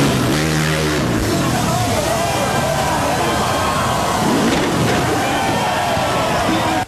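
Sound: motorcycle engine revving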